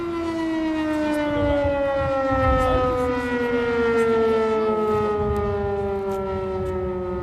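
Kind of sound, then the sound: signal or alarm, air raid alarm siren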